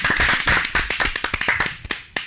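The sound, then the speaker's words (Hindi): A burst of applause from a small group after a correct answer in a quiz, dense and lively at first, then thinning out into a few scattered claps before it stops. “बिल्कुल सही, जोरदार तालियां।”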